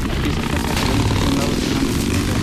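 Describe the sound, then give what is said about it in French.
A motorcycle engine drones steadily, one of the motorcycles ridden by lookouts that regularly pass through the area, a loud rough rumble holding an even level across the whole stretch rather than rising and fading. “Des motos passent régulièrement.”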